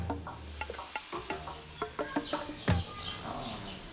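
Two kea parrots call in short harsh bursts over clattering, knocking and rustling, with a low steady hum running underneath throughout, as keepers try to catch them for a journey to Rostock.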